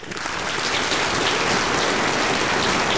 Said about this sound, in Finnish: Mä annan sulle aplodit.